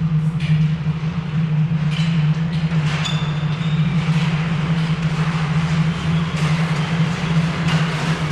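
A train rolls into Dorndag station at sunset with a steady, loud low rumble and hum, scattered metallic clanks and a brief high brake squeal, no voices.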